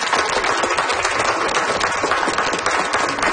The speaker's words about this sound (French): Je pense qu'on peut lui donner une bonne main d'applaudissement. Merci!